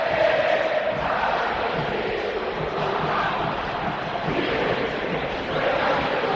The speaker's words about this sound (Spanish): Sentite Monumental. Metete en esta atmósfera sonora de la cancha de River.